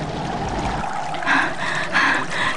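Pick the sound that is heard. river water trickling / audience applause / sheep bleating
river water trickling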